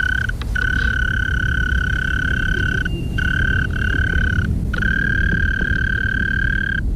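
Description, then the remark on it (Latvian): A steady, sustained trill of a mole cricket singing in the evening, a low, even buzzing tone that runs for seconds at a time with a few brief pauses, over a soft rumbling background. “Ja mēs ejam vakarā, dzirdam, tā skaņa ir diezgan ilgstoša, trrrr, tā klusiņā.”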